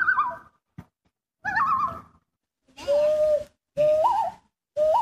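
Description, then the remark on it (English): A loon, a swimming bird iconic to the lakes in Maine, calls five times in separate bursts. Each is a mid-pitched, wavering, slightly duck-like cry that rises and falls, loud and clear, with short silences between and no talking. “They have many calls, calls for distress, calls for mating, calls for just communicating with one another.”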